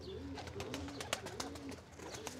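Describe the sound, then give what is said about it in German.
Pigeons coo in low, rolling phrases, while sharp wing claps and flapping bursts break in irregularly over a steady background murmur. “Das klatschende Geräusch der Tauben dient der Abwehr von Fressfeinden.”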